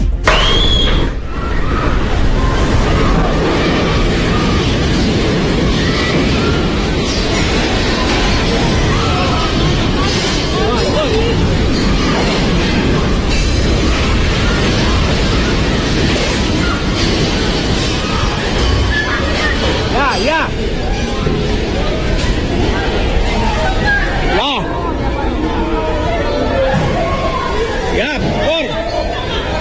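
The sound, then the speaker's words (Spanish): During an earthquake in Venezuela, people scream and shout in a dense, chaotic crowd at the Caracas airport terminal while pieces of a false ceiling keep crashing and clattering down, a loud, continuous roar of voices and debris throughout. “Lo que se escucha son los gritos de la gente, pero también cómo va cayendo este cielo falso que está generalmente en los terminales aéreos.”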